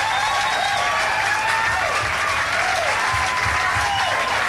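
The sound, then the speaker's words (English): A large audience applauds loudly and steadily to encourage a songwriter to come up, a dense wash of clapping that fills the whole stretch without pause, with faint crowd murmur underneath. “Maybe with a little encouragement, if we applaud real loud”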